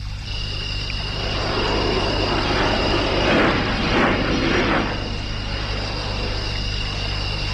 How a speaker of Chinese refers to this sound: 飞机现在的人真能，还跟半夜了还在云彩眼里飞嘞。